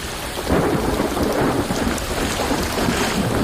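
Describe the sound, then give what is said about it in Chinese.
A steady, loud roar of heavy rain pours down, with deep thunder rumbling low underneath throughout. No voices are heard. “一场雨滴海啸，在小尺度上，速度的快慢会起到关键的作用。”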